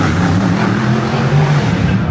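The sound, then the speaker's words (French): Racing car engines roar loudly and steadily while a packed crowd stands behind barriers, a dense, rumbling drone that holds for the whole moment with a faint wash of background noise beneath it. “La foule est compacte derrière les barrières pour entendre rugir les moteurs.”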